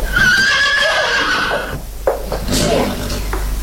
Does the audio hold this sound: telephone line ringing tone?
no